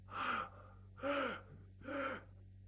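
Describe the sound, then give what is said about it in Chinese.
A voice imitates the heavy, labored gasping for breath of Zhang Zuolin's godfather after barely speaking a few words: three loud, drawn-out rasping gasps spaced about a second apart, alone over a low steady hum. “勉强说这么几句话，大口大口就喘气。”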